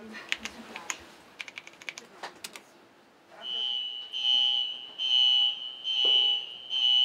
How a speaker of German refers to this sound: Willst du uns einmal zeigen, wenn wir gleich den eisernen Vorhang runterfahren, gleichzeitig diese blinkenden Pfeile, die du vorbereitet hast?